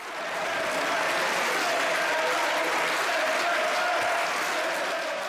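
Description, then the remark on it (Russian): Members of the European Parliament, conservative and far-right supporters of a deportation bill passed 418 to 218, applaud steadily for several seconds, a dense wash of clapping with massed voices chanting "send them back" underneath, fading in at the start and holding loud throughout. “После объявления результатов сторонники законопроекта, консерваторы и крайне правые, аплодировали и скандировали «send them back», то есть «отправьте их обратно», ну или «домой».”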